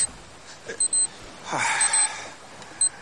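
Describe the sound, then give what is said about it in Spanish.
An electronic alarm beeps in short, bright bursts, a quick pair followed by more spaced-out beeps, with a sharp breathy gasp in between. No one speaks. “cuando estaba Furriel a punto de jalar el gatillo, suena una alarma”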